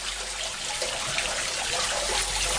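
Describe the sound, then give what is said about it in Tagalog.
Water trickles steadily into a street drain, a continuous hissing splash that holds an even level throughout with no voices. “Ang mga kanal nga naa sa atong kadalanan, maoy hagbongan sa tubig, mauwan man o ang atong mga ginamit nga tubig sa kabalayan.”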